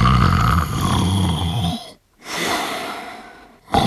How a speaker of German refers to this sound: Der … schnarchte noch.